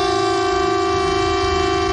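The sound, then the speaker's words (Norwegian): A civil defence air-raid siren holds a loud, steady wailing tone, sustained without a break across the whole stretch, with no voices present, sounded as a test of the public emergency warning. “Og tyfonene?”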